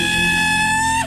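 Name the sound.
yell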